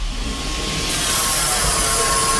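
A steady, loud whooshing rush of air and mechanical hum builds as a fast elevator climbs at 2.5 metres per second up to a 7th-floor observation deck, with a faint high whine riding over the continuous noise and no one speaking.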